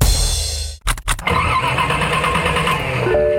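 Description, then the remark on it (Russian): An old car engine cranks with a few sputtering bursts, then catches and settles into a loud, rough, steady idle, with no voices. “Изводит старая машина? Попрощайся с ней.”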